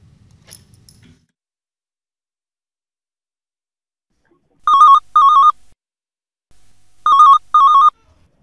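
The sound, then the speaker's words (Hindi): A telephone rings for the first incoming phone-in call to a request show on the Akashvani Jabalpur Vividh Bharati station, FM 102.9 MHz, in two double-burst rings, each pair of electronic trills clear, separated by a short pause after a brief rustle at the start. “Phone in का पहला call हमें आपसे प्राप्त हुआ है, परिचय जी हो जाए सर, आपसे।”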